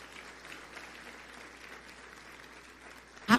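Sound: audience applauding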